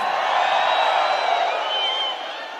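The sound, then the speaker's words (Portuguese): A large crowd, with the men answering a call to raise their hands and shout, shouts and cheers in a dense, continuous roar, with high whoops and yells rising above it, holding loud throughout before easing slightly near the end. “O homem que gosta de mulher de verdade, levanta a mão e dá o grito aí.”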